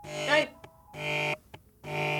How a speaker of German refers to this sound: Telefon!